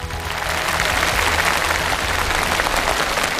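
Sustained audience applause for a contestant after his speech, a dense, steady wash of many hands clapping with no pauses, holding at an even loudness throughout.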